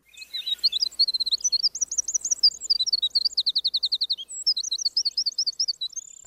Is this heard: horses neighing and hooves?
no